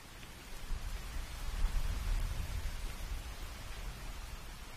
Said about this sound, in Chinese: 仔细听，有没有听到雨声？远处好像还有雷声。